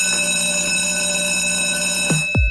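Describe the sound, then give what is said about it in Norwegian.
A bell rings steadily and brightly for a couple of seconds in a radio advertisement for Nykøbing F Teater, its tone holding unbroken, then two quick downward-swooping sounds cut in at the end. No one speaks. “Det ringer ind til noget helt særligt.”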